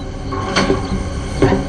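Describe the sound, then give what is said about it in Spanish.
A toolbox is picked up and handled, giving two clattering metallic knocks about a second apart over a steady low background hum, with no voices. “Trae la caja de herramientas.”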